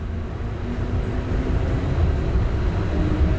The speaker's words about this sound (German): Ich fahre mit der Straßenbahn die sogenannte Sniper Alley entlang. Die mehrspurige Hauptstraße hat ihren Namen aus der Zeit der Belagerung.